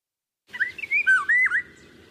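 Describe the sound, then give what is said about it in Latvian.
A Eurasian golden oriole sings a short, rich fluting phrase of liquid whistles, clear for about a second and a half, with no voices and only faint background noise. “Vālodze ir Latvijā ļoti izplatīta ligzdotāja.”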